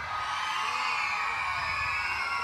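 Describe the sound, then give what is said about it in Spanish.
A group of girls shouting loudly together in one sustained, high-pitched yell, like a crowd cheering at full volume, filling the space without pause. “¿Quién grita más fuerte? ¡Las niñas!”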